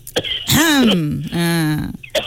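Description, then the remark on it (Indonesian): A loud voiced throat clearing, two drawn-out gravelly 'ahem' sounds in a row with brief rough bursts at the start and end, and no talking. “Oh, batuk lah. Alah, batuk pula. Batuk dulu.”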